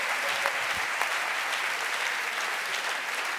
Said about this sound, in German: Man sagt so, yes! Applaus für eure kreativen Antworten. Das habt ihr ganz, ganz prima gemacht.